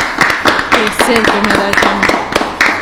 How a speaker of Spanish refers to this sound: ¡Aplausos!